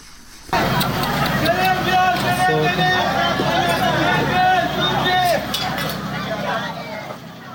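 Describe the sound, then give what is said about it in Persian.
Chaotic first minutes after an explosion at a wedding ceremony in Sirik, Hormozgan, hit by missile shrapnel during US airstrikes: a loud, unbroken commotion of many voices shouting and crying out over one another, with scattered clinks and thuds, continuing for several seconds. “این صداها نخستین دقایق پس از وقوع انفجار در یک مراسم عروسی در سیریک را ثبت کردند، جایی که بنابر گزارش هلال احمر هرمزگان در جریان حملات هوایی آمریکا ترکش‌های یک موشک به آن اصابت کرد.”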